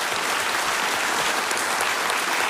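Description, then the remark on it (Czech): An audience in a packed auditorium in Havlíčkův Brod applauds steadily during a live music show, a dense wash of many hands clapping at an even loudness throughout, with no voices standing out. “Takhle vám tleská Havlíčkův Brod.”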